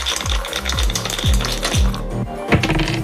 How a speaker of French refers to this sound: Je vous laisse lancer les dés quand vous voulez. Top.